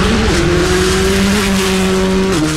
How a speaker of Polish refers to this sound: Zapach benzyny, ryk silnika, prędkość. Co się liczy najbardziej? Ryk silnika chyba.